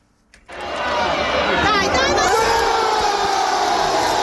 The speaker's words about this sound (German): Lauter Jubel in der Fankurve beim Tor des FC Como gegen Parma am vergangenen Wochenende.